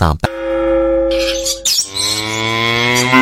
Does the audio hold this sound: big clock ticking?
no